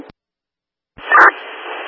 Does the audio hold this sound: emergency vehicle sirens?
no